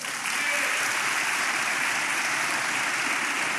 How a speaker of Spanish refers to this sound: Muy bien, den un aplauso al Señor.